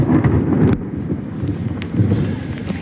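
A loud overnight thunderstorm in Gandía: deep rolling thunder rumbles continuously beneath a steady, heavy hiss of rain, with no voices.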